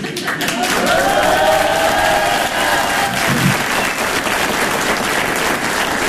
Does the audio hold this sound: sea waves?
no